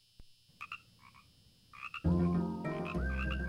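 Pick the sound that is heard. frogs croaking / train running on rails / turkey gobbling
frogs croaking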